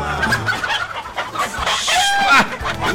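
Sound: chickens clucking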